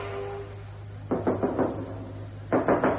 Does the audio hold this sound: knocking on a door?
yes